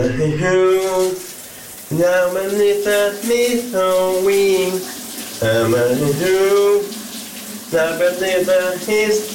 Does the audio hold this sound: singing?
yes